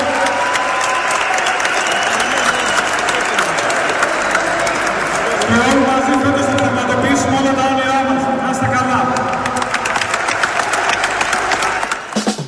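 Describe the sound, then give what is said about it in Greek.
Steady, loud applause from a large crowd of PAOK fans at an open-doors team training session, dense clapping with the team captain's voice speaking over it through the middle, thanking the fans and the team owner, fading slightly at the end. “Λοιπόν, τα χειροκροτήματα στο μήνυμα του αρχηγού που ευχαριστεί πρώτα τον κόσμο, ευχαριστεί τον ιδιοκτήτη που προσφέρει τα πάντα και κλείνει ραντεβού με τον κόσμο του ΠΑΟΚ στο παιχνίδι την επόμενη Τετάρτη με τη Μανδρέσα.”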